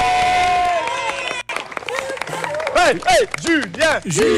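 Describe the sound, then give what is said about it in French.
A crowd at a school claps and cheers loudly for the children after a completed breakfast challenge, with dense steady applause and rising-and-falling whoops and shouts rippling over it, briefly dipping before swelling again. “On applaudit tout le monde, on applaudit les enfants.”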